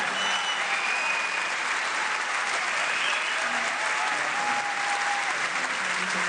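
Sustained, loud applause from a large audience fills the whole recording, a dense wash of clapping with a few faint whistles rising above it.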